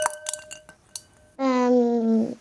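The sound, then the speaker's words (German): Ice cubes clink against a glass several times in quick, uneven taps, each leaving a faint ringing tone, before a voice begins a long sustained sound that fills the rest. “Eiswürfel im Glas höre ich.”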